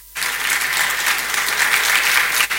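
A crowd bursts into sustained applause for His Royal Majesty, the Government Chair, dense and steady clapping filling the space from start to finish, with no voices cutting through.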